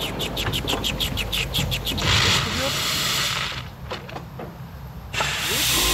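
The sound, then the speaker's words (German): A small blue steam locomotive on a Friday warm-up run without visitors, its brake suddenly fully on because a valve is stuck, gives a quick run of rhythmic, evenly spaced puffs, then breaks into a loud, rushing hiss that fades, pauses, and surges again with steady mechanical rumbling underneath. “Und das ist auch gut so, denn die kleine blaue Lok macht seltsame Geräusche.”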